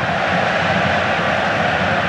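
A stadium crowd at a football match roars steadily in the last seconds before possible extra time while Yamal's side holds the ball, a dense, unbroken wall of loud noise urging the team on, with no pauses or individual voices standing out and no one speaking over it.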